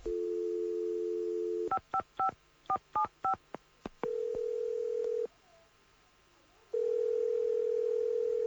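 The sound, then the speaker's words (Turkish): A steady telephone dial tone gives way to a quick run of about eight touch-tone dialing beeps as a call is placed from a motel to Texas, followed by ringing tones with a silent pause between rings. Clear, with no voices. “Bir dakika, size hat vereyim, öyle arayın kardeşinizi”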